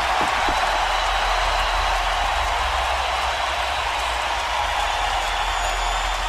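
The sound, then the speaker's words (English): A large arena crowd of hockey fans roars and applauds as the Sharks come to center ice to salute them after a five-game series victory over the Red Wings, a steady, loud wash of cheering that holds without a break, with no voices talking over it. “And now the Sharks are coming to center ice to tap their hands in the air and salute the fans and listen to this crowd.”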